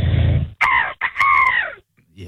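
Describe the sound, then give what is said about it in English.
A voice imitates an angry seagull with two loud, strained squawks, a short one followed by a longer cry that sags in pitch as it trails off. “Angry seagull. Get some anger in you.”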